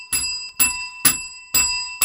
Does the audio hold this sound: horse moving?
no